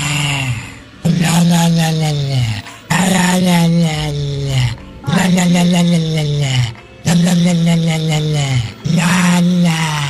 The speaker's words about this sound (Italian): Wender ha trovato su Instagram il video di un cane che ringhia e la padrona gli muove la bocca facendogli emettere questi suoni.